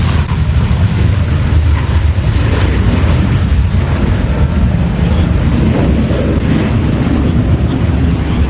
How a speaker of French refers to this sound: Il passe devant nous. Et ça y est, il décolle, il a quitté la Terre, le Rafale qui vient tout juste de décoller ici, base 181, base Roland-Garros. C'est le deuxième Rafale dans la foulée, décollage imminent, à 3, 2, 1, ça y est, il quitte le sol.